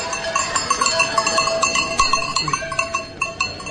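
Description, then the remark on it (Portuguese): Many cowbells clank and jingle at once in an irregular, overlapping stream, the steady metallic clatter of a herd of about 60 to 70 cows being driven from Rio Caldo up to the mountains to graze. No one is talking. “Rio Caldo, trazemos as vacas para levar para a serra, devemos estar aí 60, à volta de 60, 70.”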